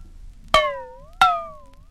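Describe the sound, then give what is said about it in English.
Two sharp clangs from a struck metal frying pan, each ringing out with a bright, slowly fading metallic tone. The hits are clear, spaced about two-thirds of a second apart, with no talking. “Number six was a frying pan.”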